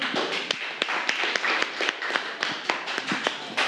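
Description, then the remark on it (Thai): A group claps in steady, overlapping applause for a classmate whose artwork is being presented, the sharp irregular claps at moderate volume for a few seconds with no voices. “เรามาชมผลงานชิ้นต่อไปกันครับขอเสียงปรบมือให้เพื่อนหน่อยครับ”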